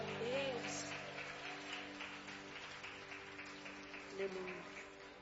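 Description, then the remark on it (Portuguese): A church audience applauds to welcome the worship group, with a dense, steady patter of clapping throughout, while sustained musical tones and indistinct voices carry underneath. “Vamos receber o grupo de louvor com palmas e glória para Jesus.”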